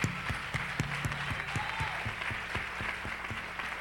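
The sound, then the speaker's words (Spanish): Steady applause from a crowd, dense and continuous clapping at moderate volume with a few sharper claps standing out, no voices over it; the applause is given for people who have been presenting the word of the Lord every day. “Y vamos a darle un aplauso a esta gente, gloria al Señor.”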